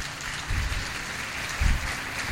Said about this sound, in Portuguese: Recebido com aplausos o nosso Rossandro.